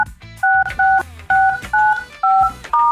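A rapid sequence of six touch-tone telephone keypad beeps dialing a call on a radio show, each a short dual-pitched tone evenly spaced, heard clearly over faint low background noise with no talking.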